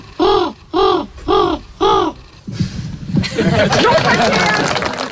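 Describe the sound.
A participant in the bird-whistling world championship (WK Vogelfluit) from a previous year imitates a bird with four loud, evenly spaced whistled calls that arch up and down in pitch, followed by a burst of audience laughter and chatter.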